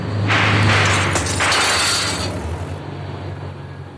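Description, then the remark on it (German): A car roars past with a loud engine rumble and a rushing noise that swells twice, while a single sharp gunshot, fired from the car, cracks out between the surges. No one speaks. “Vorsicht! Das Auto, Auto!”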